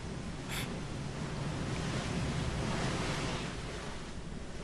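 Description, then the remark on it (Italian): Calm sea waves wash steadily in a soft, continuous surf hiss with little rise and fall, moderately loud, with no voices, heard during a sea voyage. “Ma oggi il mare è calmo.”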